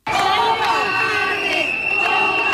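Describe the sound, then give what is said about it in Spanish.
A crowd of striking cleaning-sector workers in Zaragoza, Spain, shouts in unison, a loud sustained roar of many voices with rising and falling chant-like cries of "cobardes" aimed at the city's mayor, Natalia Chueca, filling the whole stretch without pause. “Con gritos de cobardes se han referido a la alcaldesa de Zaragoza, Natalia Chueca.”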